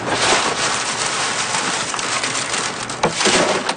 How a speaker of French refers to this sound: Pour aller chercher le haricot à l'intérieur, je les écrase avec les mains. Puis après, avec le vent, j'envoie ça ici, on appelle ça vanner. C'est que là, avec le vent, la cosse, ça s'en va, le grain tombe.